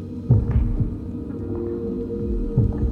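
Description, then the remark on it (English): A low, muffled heartbeat thumps in slow pairs over a steady deep hum, with long gaps between beats and no voices present. “But the only thing I hear is my footsteps and my own heartbeat.”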